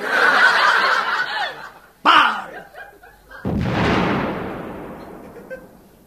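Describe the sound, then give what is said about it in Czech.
Snickering laughter, then a sharp crack and a loud cannon blast as a cannon fires a cannonball, its deep rumble slowly fading away over a couple of seconds. “Dělo připravit! Dělo připravené! Dělo namieriť! Dělo namierené!”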